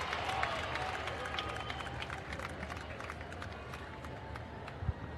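An audience claps steadily, a dense patter of many hands at an even loudness for several seconds, with a low crowd murmur underneath.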